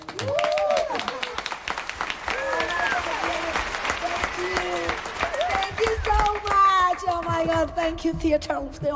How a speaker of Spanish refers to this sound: Muy bien. Un aplauso para los primeros turistas de la temporada, por favor.